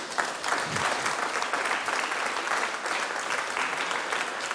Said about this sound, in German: Und sogar mal Applaus für alle, die schon immer dabei waren.